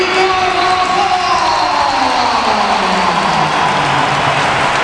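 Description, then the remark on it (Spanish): A stadium crowd at a football match against Oviedo gives a sustained ovation for Carvajal as Bellingham comes on, a dense, loud wash of applause and cheering that holds steady without a break for about five seconds, with faint voices drifting downward in pitch. “Y ahora va la ovación para Carvajal.”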